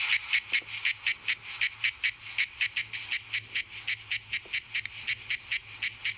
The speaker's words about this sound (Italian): Allora, la nostra cicala italiana emette questo suono.